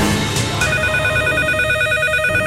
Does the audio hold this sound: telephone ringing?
yes